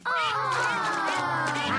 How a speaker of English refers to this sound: Why have we stopped? It is Mrs. Duck and her ducklings.